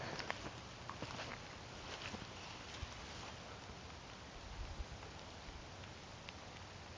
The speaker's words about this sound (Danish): Og lidt regn har vi nu.